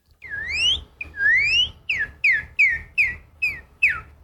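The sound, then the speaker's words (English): A person from Oklahoma, US, whistles an imitation of a northern cardinal song: two long rising slurred whistles followed by six quicker, descending chirps in a steady rhythm, clear and loud over a low background hum. “And so what's the most common bird you hear around you? The northern cardinal.”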